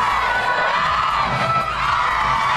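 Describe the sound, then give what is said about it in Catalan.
A large crowd roars and cheers continuously, a dense wash of voices and shouts at steady loudness throughout, with no individual speech standing out, as Spain's team lifts the trophy after winning the women's Under-20 World Cup on penalties, 4-3, against North Korea. “Aquest era el moment on aixecaven el títol.”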